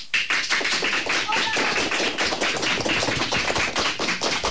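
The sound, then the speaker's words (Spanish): A group of schoolchildren, fourth- to sixth-year pupils from CEIP Córdoba Ullosa of Ponte Calderas, applauds together in the José Hermida studio of Radio Pontevedra: a dense, steady patter of many quick claps that keeps up at an even loudness for several seconds without any voices. “Chicos, un aplauso para saludar y decir de alguna manera que estáis aquí.”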